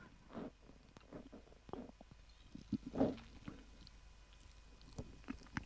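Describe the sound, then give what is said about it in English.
Quiet mouth sounds of someone sipping water and swallowing, with a soft gulp near the middle and small wet noises around it; no one speaks. “I have to have a sip of some water, some drink that I.”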